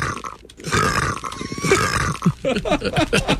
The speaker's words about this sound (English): Sorry, I did a little bit of sick. Just a little bit.